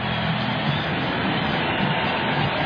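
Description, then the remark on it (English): A sellout baseball stadium crowd, on its feet in a standing ovation for the departing pitcher after his fifth strikeout, cheers in a steady, dense roar that holds at an even loudness throughout, with no single voice standing out from the wash of noise. “Let's hear the crowd.”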